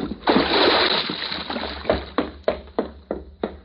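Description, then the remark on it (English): A body hits the water with a heavy splash, followed by a long churning wash and then several smaller slaps and sloshes at a steady rhythm, loud, with no one speaking. “Sorry, fella. The water's going to be cold.”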